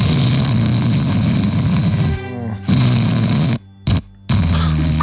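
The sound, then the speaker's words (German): A person snores loudly beside someone trying to sleep, with a heavy, rasping rumble, broken by a brief pause midway and then by abrupt gaps of near silence before the snoring resumes. No one speaks. “Stellt euch vor, ihr seid müde. Ihr wollt einfach schlafen und neben euch...”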